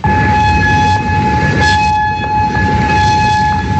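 An air raid warning siren holds a steady, sustained wailing tone over rumbling background noise, loud and unbroken for the whole stretch, with no voices. Sirens sounded in Kuwait on a Monday, and also in Amman, Jordan, and in Bahrain, after Iran retaliated for a ninth consecutive night of US bombing.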